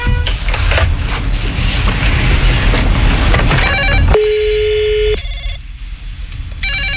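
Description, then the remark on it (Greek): A telephone rings on an outgoing call with a bright electronic trill over a busy background hum, a couple of short bursts followed by a steady tone, then the ringing starts again near the end; the call is then answered. “Χτυπάει, έλα, χτυπάει, δώσε.”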